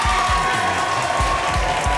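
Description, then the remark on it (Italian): Steady, dense applause from a crowd for a band from London on Radio 2 fills all two seconds, a continuous hiss of many clapping hands, with a few dull low thumps underneath. “Vabbè, facciamo sentire il brano, gli abbiamo fatto gli applausi.”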